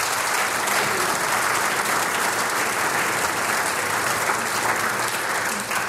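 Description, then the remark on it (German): A crowd applauds steadily and loudly for about six seconds, a dense, even wash of clapping with no voices breaking through, fading slightly at the very end. “Ich glaube, einen herzlichen Applaus irgendwo hin, wo er gerade auf Hochzeitsreise ist.”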